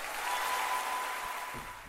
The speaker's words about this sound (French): Avec la présentation du musicien, vous avez bien sûr deviné, et vous avez entendu également les applaudissements, que cet enregistrement avait eu lieu en public, effectivement, au Théâtre du Châtelet en 2016, plus précisément.